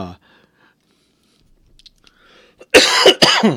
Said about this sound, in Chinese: 抱歉我最近因为感冒所以咳嗽请各位好朋友们能够多多忍耐